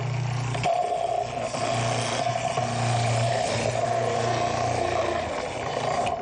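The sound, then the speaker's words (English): A food processor fitted with a grating blade whirs loudly and steadily as it grates carrots, a constant motor hum with a rough, scraping texture from the carrots being shredded, continuing without pause. “I'm just going to put these carrots through.”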